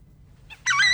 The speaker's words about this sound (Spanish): Ese es un chajá.